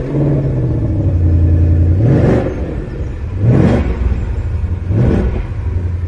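A normally aspirated 5-litre V8 engine in a three-pedal manual car with a limited slip differential starts up and rumbles deeply at idle, then is blipped three times, each rev a quick rising roar that falls back to the low burble. No one speaks.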